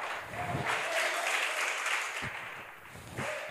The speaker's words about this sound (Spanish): No todos aplaudieron, pero por lo menos.